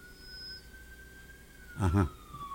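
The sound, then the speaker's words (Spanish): An ambulance siren on a road holds a steady high tone that slowly drops in pitch as it passes, fairly faint, with a brief louder burst of noise partway through. “Ajá, ahí va la ambulancia.”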